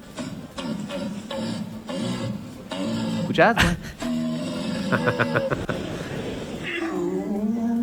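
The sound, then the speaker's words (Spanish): A person at the deer-calling world championship in Germany imitates a red deer stag's call with a run of loud, deep, harmonic bellows and groaning roars, some drawn out and rising, broken by short grunting bursts. “¿Querés escuchar cómo es Llamado de Ciervo?”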